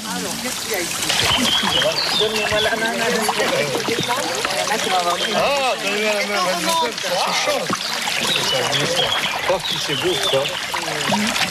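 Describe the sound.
Water sloshes and splashes steadily as people wade through a narrow point of the Verse stream, over old masonry, with a constant trickling flow and voices talking over it throughout.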